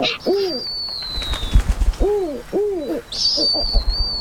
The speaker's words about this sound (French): Ils résonnent fort au-dessus de ma tête. Je reconnais ce cri. C'est un ululement, celui d'un oiseau, le hibou. Ah, j'espère que c'est le harfang des neiges.